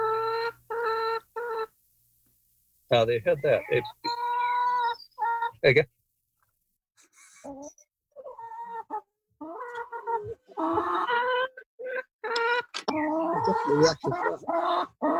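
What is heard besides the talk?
chickens clucking and calling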